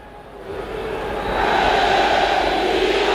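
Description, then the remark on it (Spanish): A large football stadium crowd at the UDA Stadium, during a match, roars and chants in a dense, continuous wall of voices that swells louder after the first second and then holds steady. “Bueno, pues suena el UDA Stadium. Escuchen ustedes.”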